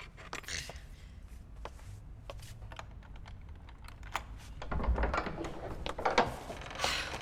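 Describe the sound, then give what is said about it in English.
A key rattles and clicks in a lock with a quick run of sharp metallic ticks, then a heavier thump and rumble as the door swings open. No one speaks. “Will you please just open the door? I would, but the key isn't in.”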